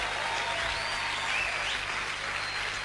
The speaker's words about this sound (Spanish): Si alguien recibe esta palabra, que le aplauda en el nombre del Señor.